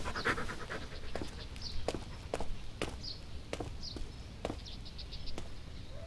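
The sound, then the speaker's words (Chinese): A puppy pants in quick, breathy bursts, with sharp clicking taps scattered throughout, like small paws or footsteps on a hard floor. No one speaks. “大哥，这小狗讨人嫌吧？要是讨人嫌的话，我现在就把它给弄走。”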